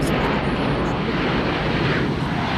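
A steady, loud roar of airplane engines fills the space, a dense, continuous drone heard from inside the cabin of a flight to Zagreb, Croatia, before departure, with no pauses or changes in pitch.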